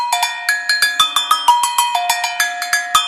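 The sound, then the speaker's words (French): Agogo bells of a batucada ring out alone in a quick, syncopated pattern, bright metallic strikes alternating between a higher and a lower bell, about sixteen sharp hits with short ringing decays. “Les cloches à gogo, les tout titi tout tout titi.”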